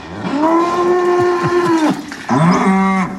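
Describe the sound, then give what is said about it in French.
Two loud, drawn-out cow moos as cows are let out of the barn on a farm, the first long and sustained, the second following after a brief pause, with no talking. “Et vous pourrez donc aller découvrir ces vaches et cette exploitation”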